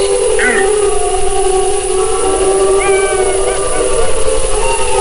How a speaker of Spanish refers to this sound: Estos tipos de aullidos, estos coros, suelen producirse a principios de la noche